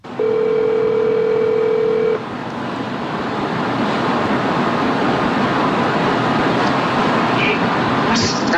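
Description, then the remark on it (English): A man phones a vehicle's former owner: a steady, loud telephone dial tone hums for about two seconds, then cuts out, leaving a constant rushing, hissy line noise like wind or surf for the rest of the call. “That's when he found the former owner's number and decided to call. So he called, and this happened live.”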